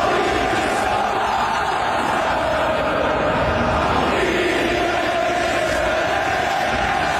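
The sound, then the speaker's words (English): A huge stadium crowd of Scottish football fans at Gillette Stadium, during their national team's match against Haiti, roars and sings at full volume, reaching about 125 decibels, a dense, unbroken wall of voices that blurs into an almost static-like hiss for the whole stretch. “And also what the Scottish fans did is break a decibel record at Gillette Stadium when they were taking on Haiti.”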